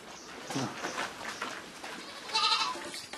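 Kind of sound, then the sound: animal, baby goats bleating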